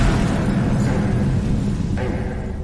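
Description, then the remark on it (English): A package bomb explodes: a loud, deep explosion roars with heavy low rumble, sustaining a dense, crackling blast throughout before easing only slightly at the end; no voices are heard. “I believe William Jarvis waited around in the neighborhood till he heard the explosion.”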